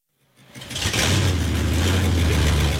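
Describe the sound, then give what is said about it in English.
A stock car engine at Kodiak's quarter-mile dirt racetrack on the island roars up from silence into a loud, steady rev, with a low droning hum and broad rasping noise that holds at full volume. “But the island is home to one of the most remote stock car racetracks in the country.”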